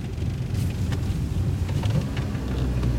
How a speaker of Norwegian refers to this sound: Heter det regn på där uppe?